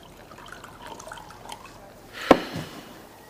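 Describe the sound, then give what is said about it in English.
P.T. pours himself another drink of liquor into his glass at a bar in a short burst: a sharp clink, then a quick splash of liquid, against a quiet hush. “As PT pours himself another drink, the little person takes a seat on his top hat.”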